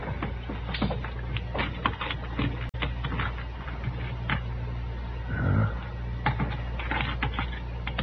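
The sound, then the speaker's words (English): Keys being tried in a suitcase lock: a run of small, irregular metallic clicks and scrapes, moderately loud, over a steady low hum with no speech. “I've got a couple of keys I think will fit.”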